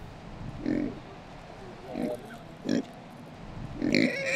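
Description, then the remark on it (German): Kunekune pigs grunt four times at uneven intervals as feed is cut for them, short low snorting calls over a steady background hum, with the final grunt louder and longer than the rest. “dann schneiden wir ein bisschen Futter für unsere Kuhne-Kuhne-Schweine”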